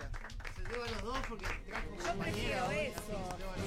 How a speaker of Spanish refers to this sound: Hablando de alfajores, hago entrega al ganador de la primera fecha. ¡Vamos! Un aplauso. ¡Bravo!